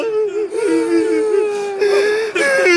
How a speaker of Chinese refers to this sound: 正在叫喊的士兵们听到老爷子苍老却很严肃的声音，逐渐安静下来。车厢里面只听见抽泣声： 首长，让我们下车吧，我想妈妈。